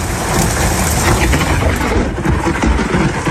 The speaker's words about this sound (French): Le Gard a été touché par de gros orages. L'observatoire spécialisé Keraunos a recensé 929 éclairs depuis minuit dans le département, dont 70 à Nîmes, ville la plus touchée de France cette nuit, suivie par Sabran à côté de Bagnoles, 48 éclairs.